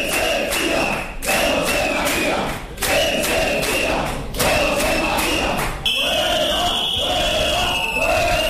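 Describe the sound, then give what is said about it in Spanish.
A crowd of protesters (local police, municipal employees and unions) shouts in loud, rhythmic chanted bursts against the mayor, José María Bellido, interrupting a city council plenary session, with repeated thuds and a steady high tone sounding underneath throughout. “Como pueden escuchar, el pleno fue interrumpido en varias ocasiones con gritos en contra del alcalde, José María Bellido, y de la concejala de Personal de Recursos Humanos, Cintia Bustos, unas protestas que provocaron el desalojo del salón”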